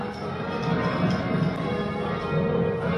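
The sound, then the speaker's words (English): Six church bells ring in a continuous, overlapping peal at a practice session at All Saints Cathedral in Bathurst, descending through the bells in reverse rounds during method ringing; a steady, dense, loud wash of strikes, with no talking. “And so when you're working in methods, you're using that feature, and you're also trying never to repeat the sequence until the 720 have been completed. Reverse rounds here.”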